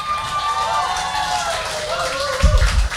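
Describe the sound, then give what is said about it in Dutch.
A crowd applauds the band a band on stage, steady dense clapping mixed with cheers and whoops, loud and continuous, with a few heavier thumps near the end. “…, dames en heren thuis, mensen hier, dik applaus!”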